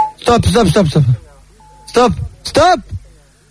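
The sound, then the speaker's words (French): A phone message service beep: a short electronic tone at the start, then a longer steady beep sounding between bursts of a person talking, clear. The beep follows each person's first name, and the caller says stop after it to choose someone. “Dès que quelqu'un t'intéresse, dis stop après le bip qui suit son prénom.”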